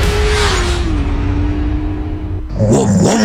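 A car engine rumbles loudly with a deep exhaust roar, its pitch easing down before a sharp, throaty rev bursts in near the end. No one speaks.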